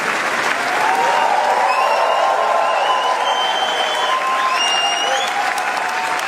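A large crowd gives a standing ovation to actress Léa Seydoux after the premiere of the film Gentle Monster at the Cannes Film Festival, the dense clapping loud and sustained throughout, with a few high whistles and faint cheers rising above it.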